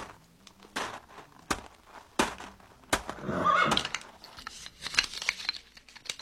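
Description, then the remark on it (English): A pair of sorrel horses whinny amid a clatter of sharp hoof and wheel knocks as a doctor's buggy skids to a halt at the Capitol Hotel livery stable, with a louder neigh rising in the middle, without speech. “One day, as she skidded to a stop at the stable and hopped down from her buggy...”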